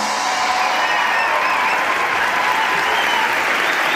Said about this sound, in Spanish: Muchas gracias por venir, esperamos que lo paséis genial y os pedimos un fuerte aplauso para José Luis Sastre y Miguel Maldonado.